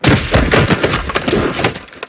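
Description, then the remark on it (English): A dense burst of hard, cracking impacts of football shoulder pads crunching together, with several overlapping thuds and snaps at a steady loud level for about two seconds. “Hear those pads crunching.”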